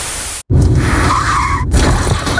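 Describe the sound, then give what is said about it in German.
Tyres screech in a loud, high squeal that wavers for about a second, set among harsh, noisy crashing bursts, with a brief silent break near the start and no voices. “Oh, erst der Unfall, dann das Vergnügen in der Warteschleife?”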